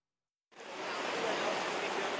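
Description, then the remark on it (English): A heavy rain downpour in Bangkok, Thailand, a few kilometers from the international airport, during floods, starts suddenly after a brief silence, then holds as a dense, steady hiss, with no clear voices over it. “Just a few kilometers from Bangkok's international airport, the downpour continues.”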